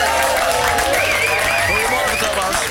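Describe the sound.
A studio audience applauds steadily as a guest is introduced, a dense wash of clapping mixed with whoops and cheering voices, loud and sustained throughout.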